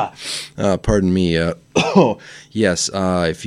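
A radio host on CFMU 93.3 deliberately coughs and clears their throat several times in close succession, harsh and throaty with a voiced, groaning edge, loud with no talking.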